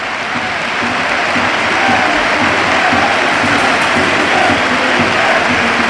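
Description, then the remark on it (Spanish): The crowd at Anoeta stadium breaks into a sustained ovation for world champion Mikel Oyarzabal as he heads to the dressing room, dense applause and cheering filling the air at a steady, loud level without pause for about six seconds, with no one speaking over it. “Ovación a Anoeta, a su campeón del mundo.”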